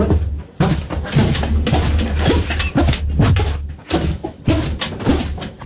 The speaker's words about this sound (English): And it's my squeaky feet, and it's because my trainers keep making this noise.